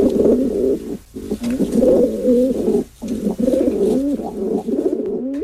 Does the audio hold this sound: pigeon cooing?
yes